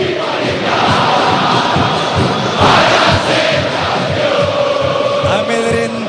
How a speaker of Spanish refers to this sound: Escucha al pueblo de Boca.